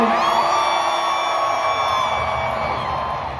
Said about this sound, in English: To have that excitement, to have that kind of crowd, I mean, it's going to do nothing but pour gasoline on any kind of creative force, I think.